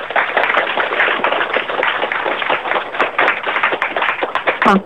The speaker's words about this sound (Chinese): 各位掌声有请。